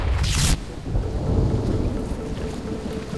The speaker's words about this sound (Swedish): Regnet öser ner över Paris gator. Det verkligen piskar mot Pierre Curie